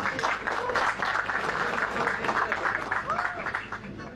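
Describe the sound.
An audience applauds steadily, a dense crackle of many hands clapping at once that holds an even loudness throughout and tapers only slightly at the end, with a faint murmur of voices beneath.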